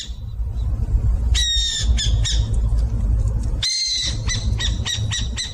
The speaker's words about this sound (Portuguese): Quem disse que é a coruja buraqueira acertou. A coruja buraqueira tem cerca de 25 centímetros. O seu nome científico é Atene cunicularia e pertence à família Strigidae.